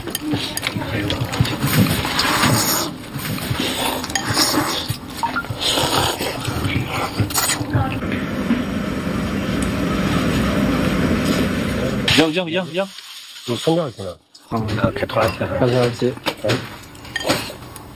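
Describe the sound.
A tractor engine rumbles steadily and loudly, a continuous clattering drone that briefly drops out near the end before picking up again, with faint voices mixed underneath.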